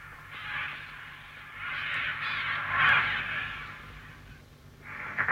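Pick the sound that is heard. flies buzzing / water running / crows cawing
crows cawing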